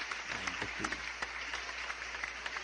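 Steady, dense applause from a crowd fills the whole moment, a continuous crackle of many hands clapping, with a brief murmur of voice near the start.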